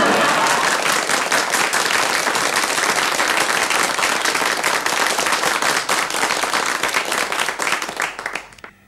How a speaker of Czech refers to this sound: Myslím, aby se diváci nenechali mýlit tím velkým potleskem, to jsou sami mý příbuzní tady, nejen v Brně, ale v Řicmanicích a v Ivančicích.